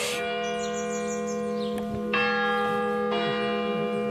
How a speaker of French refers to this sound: Voilà, la cloche sonne tous les quarts d'heure.